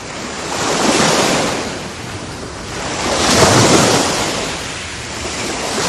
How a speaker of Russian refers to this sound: Но если озеро очень большое и глубокое, сильный ветер без труда поднимает на его поверхности большие волны и гонит их к берегу.